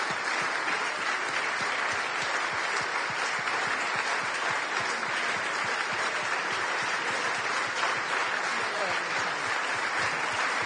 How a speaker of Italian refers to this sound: Facciamo un applauso